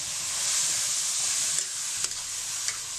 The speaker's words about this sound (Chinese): 肥壮的大公鸡剁成块，利用鸡肉内自含的水分进行焖炒，能最大限度地保持鸡肉的鲜香味。只要几下翻炒，香味就弥漫在房梁瓦檐间。